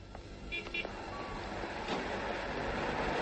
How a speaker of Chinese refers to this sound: 汽车喇叭声中断了西南的回忆